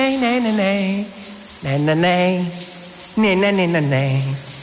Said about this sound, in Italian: La rifaccia, le rimetto la doccia? Sì.